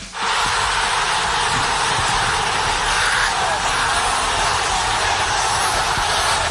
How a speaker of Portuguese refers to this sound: Isso aí é a torcida brasileira comemorando a classificação do Brasil para as oitavas depois do sufoco contra o Japão. Só que não é no Brasil não, gente. É lá em Bangladesh, no sul da Ásia.